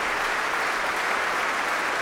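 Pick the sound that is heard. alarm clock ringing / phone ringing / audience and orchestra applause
audience and orchestra applause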